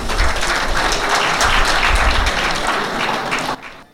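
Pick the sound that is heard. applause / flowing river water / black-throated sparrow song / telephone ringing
applause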